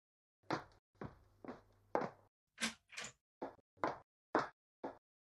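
A daughter unlocks and opens a door for her mother, heard as about ten sharp clunks and clicks in an uneven rhythm, with a few heavier thuds and no voices.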